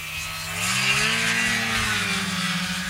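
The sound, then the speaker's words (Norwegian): A snowmobile engine revs with a steady, buzzing drone, its harmonic whine climbing slightly in pitch after the first half second and holding loud to the end, with no voices. “Mer enn hver femte norske snøskuter er registrert i det minst folkerike fylket, så her er det stemmer å hente.”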